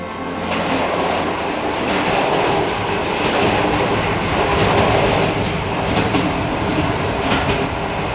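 A regional train rolls steadily along the rails beside the Duero river, a loud, continuous rumble with faint rhythmic clickety-clack from the wheels running throughout, unbroken, with no voices.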